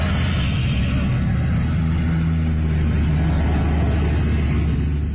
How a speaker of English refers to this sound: But in this wildfire season, one expert is putting Canada's firefighting response in the spotlight, specifically the use of water bombers.